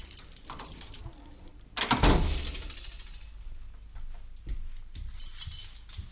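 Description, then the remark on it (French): Keys jingle and a latch mechanism clicks and rattles as Luigi opens the door of the radio station Radio Canu at 24 rue du Saint-Jean-Blandan, followed by a brief rushing swing of the door and a few soft knocks afterward, with no voices. “Arrivé au 24 rue du Saint-Jean-Blandan, Luigi ouvre la porte de la radio.”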